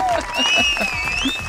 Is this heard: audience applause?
yes